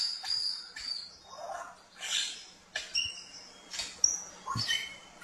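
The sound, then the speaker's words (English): An Albert's lyrebird sings a varied, mimicking series of sharp whistles, trills and buzzy phrases, clear, changing character every second or so with no talking. “And I believe the Prince Albert is up here, or maybe I've got it the other way around, wrong way around, but I believe it's Prince Albert because of their mimicking skills.”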